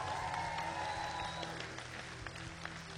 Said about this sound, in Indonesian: Jadi sekali lagi berikan tepukan gemuruh untuk barisan juri kita.